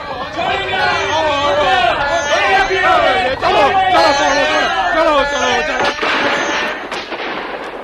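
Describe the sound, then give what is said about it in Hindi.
Soldiers fire a heavy barrage of sharp gunshot cracks at villagers who are shooting arrows at them. The gunfire bursts out over a loud, chaotic crowd of shouting voices, with a few sharper reports standing out near the end as the yelling continues throughout. “सिपाहियों ने गोलियों की भयानक बरसात कर दी।”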